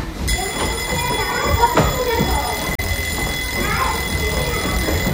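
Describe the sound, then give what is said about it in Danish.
A school bell rings continuously for several seconds, a steady, shrill electric tone that never breaks, while people chatter and move about underneath it. “Så ringer skoleklokken ind.”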